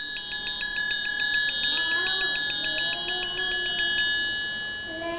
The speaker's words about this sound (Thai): จะให้เด็กๆฟังเสียงสัญญาณจากระฆังสามเหลี่ยมแบบนี้ค่ะ